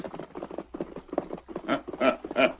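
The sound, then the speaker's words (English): Rapid, rhythmic hoofbeats of the horse Silver and a colt galloping up the valley and back clatter steadily, growing louder and heavier toward the end, with no voices present. “just take a gallop up the valley and back. Let's see that colt run alongside Silver.”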